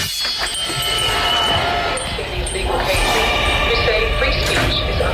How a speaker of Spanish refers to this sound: Estamos escuchando el audio de una campaña de Greenpeace. Ese sonido metálico de afilar en redes, es Javier Bardem afilando unas tijeras.